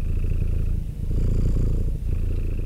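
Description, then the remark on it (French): Steady purring like a cat's, a low continuous rumble that pulses in long breathing cycles with brief dips between them, heard alone without any talking. “« Le chat, c'est moi !» ronronna-t-elle.”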